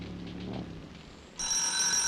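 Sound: bell ringing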